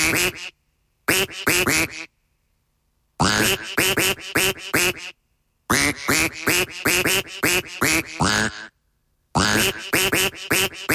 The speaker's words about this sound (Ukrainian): Ще раз попрошу нашу Качечку тут накрякати, так, щоб зараз ще раз ми послухали.